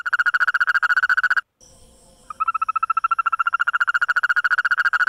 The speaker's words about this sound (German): Dort haben Forscher gerade einen völlig neuen Mitbewohner entdeckt. Eine Froschart, die nicht nur hüpft, sondern auch singt, und zwar in extrem schnellen und hellen Tönen.